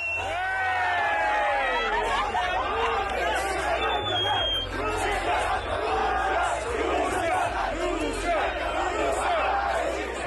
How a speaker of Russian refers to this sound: В Мексике одного из них, как передавал чемпионат, качали на руках в фан-зоне под крики «Россия».